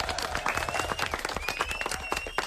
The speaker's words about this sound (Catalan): Fort aplaudiment. Molt bé.